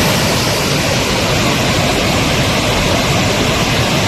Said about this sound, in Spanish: Así suena el río Besós, que baja con mucha fuerza hasta ahora. De hecho, la alerta hidrográfica es extrema. En las imágenes se aprecia el enorme caudal que está descargando.